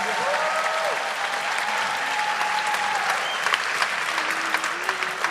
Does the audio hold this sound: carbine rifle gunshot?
no